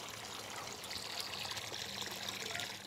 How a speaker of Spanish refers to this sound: Bien, ahora en el grifo. Está abierto todo el grifo y sale muy poca agua.